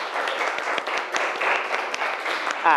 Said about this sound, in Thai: กลุ่มที่3ได้คะแนนเยอะสุดปรบมือให้กลุ่มที่3หน่อยครับ